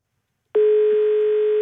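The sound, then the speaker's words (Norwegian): A single steady electronic telephone tone sounds loud and clear for about a second as a listener's phone call is connected on air during a radio music program, then cuts off abruptly, with no voices. “og sender melding i dag, og ingenting er noe vel likere enn det, og nå tar vi altså inn en telefon igjen.”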